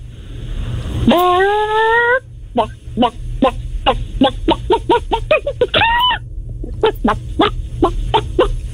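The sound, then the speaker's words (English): A person does a loud chicken impression: a drawn-out, rising squawk, then a rapid run of short clucks, a second brief squawk, and a few more scattered clucks. “Can I hear the chicken once more, please?”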